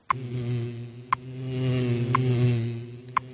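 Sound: bee buzzing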